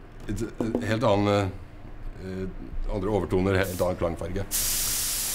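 A man talks for several seconds, then a steady, loud hiss of a spray can or spray gun starts as a musical instrument is spray-painted by hand to a customer's wishes, running to the end without pause.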